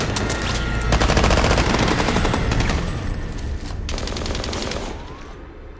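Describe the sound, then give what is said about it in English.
A dense barrage of rapid gunfire from peacekeepers shooting at residents fleeing up trees in a forest crackles in sustained bursts, loud, with volleys overlapping and briefly easing before another intense burst, over a heavy rumbling background. “The barrage of gunfire takes out more residents.”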